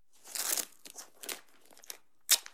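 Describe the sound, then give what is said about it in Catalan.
Extra-strong duct tape rips off a roll in a few quiet, raspy bursts, being torn to seal a crack: a longer pull, a shorter one with scattered crackles, then one sharp, quick tear at the end. No one speaks. “Tinc un rotllo de cinta americana extrafort a la motxilla.”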